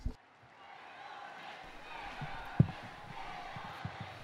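A large crowd of faithful applauds steadily in an open outdoor space on a Sunday as the curtain opens and Pope Leo appears at the window of his study to greet them, the clapping blending into an even wash of sound, with a single soft thump partway through.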